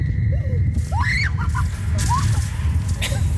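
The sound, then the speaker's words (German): A woman lets out short, high rising and falling screams as she speeds down a steep, fast slide on a slide mat, partly buried under a loud, constant rush of wind and rumbling noise. “Also wenn diese Rutsche sie schon so zum Schreien bringt, das ist ja der Wahnsinn.”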